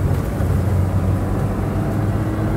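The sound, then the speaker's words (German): A steady, low engine rumble with a continuous road-noise hiss, like riding inside a moving car, holding an even level throughout with no voices. “Halten Sie sofort das Auto an.”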